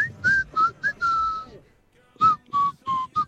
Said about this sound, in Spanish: Pero es que su silbido es diferente.